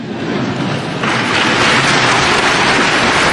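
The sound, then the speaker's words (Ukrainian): Loud, dense applause from a large crowd, a steady wash of many hands clapping that swells stronger after the first second and holds without a break, with no voices. “Ну, калі такие аплодисменты, дык докладно можно просить усё, что за угодно.”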